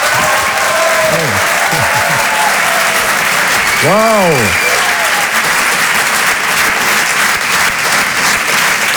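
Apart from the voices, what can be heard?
audience applause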